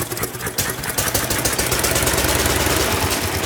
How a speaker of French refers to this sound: Bon, ben, je vois pas trop où serait le problème, hein. Le moteur tourne parfaitement. Il n'y a pas de traces d'encrassement, pas non plus de traces de panne récente.